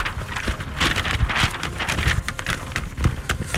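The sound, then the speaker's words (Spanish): Two sheets of paper rustle and crinkle in a steady run of crisp, scratchy handling noises, fairly loud, with no voices over it. “Mucho escándalo, son dos hojas, por nada.”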